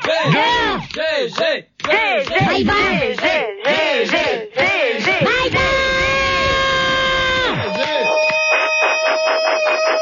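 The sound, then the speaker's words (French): Someone yells loudly, with swooping, strained cries that run almost nonstop, stretch into a long held shout, then break into rapid pulsing bursts near the end. “Arrête de crier.”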